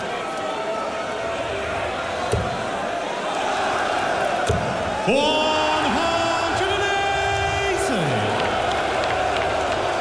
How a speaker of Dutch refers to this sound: En het gejuich voor Noppert wordt uiteraard ook alleen maar harder.